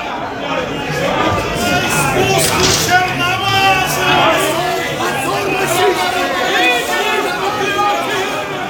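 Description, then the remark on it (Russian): A large crowd shouting and chattering all at once outside a window, a dense, steady wall of overlapping voices that stays loud throughout, with no single voice standing out clearly. “ты посмотри, какая уйма народу. Вот это да. Что они кричат?”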